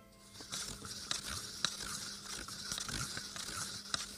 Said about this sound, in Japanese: 一袋をコップに入れて水で溶かすだけです。先ほど青汁を紙コップに入れました。ではかき混ぜてみます。